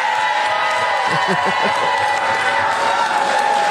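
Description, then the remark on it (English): A cued-up crowd cheering sound effect: a large crowd roars and cheers in a steady, dense wash of noise, with scattered shouts and applause rising and falling throughout. “I got to cue up the cheer here.”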